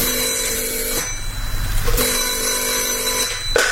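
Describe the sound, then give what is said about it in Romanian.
A telephone rings in repeated bursts, each ring lasting about a second with short pauses between, clear with a low background hum and no talking; Françoise is calling. “Françoise îmi mai telefona din când în când.”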